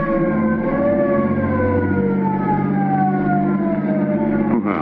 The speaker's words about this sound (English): Listen, it's a squad car.